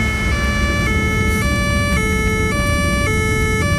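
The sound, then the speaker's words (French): A loud police car siren blares in a steady two-tone pattern, switching between high and low pitch about every half second over a low rumble of traffic. “Attendez, il y a la police.”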